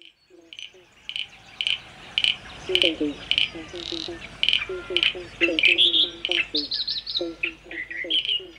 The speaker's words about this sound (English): Starts with frogs in 5, 4, 3.